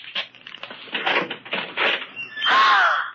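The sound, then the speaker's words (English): A closet door is opened: a couple of seconds of rattling and scraping, then a loud, drawn-out creak of the hinge as it swings. “open that closet door.”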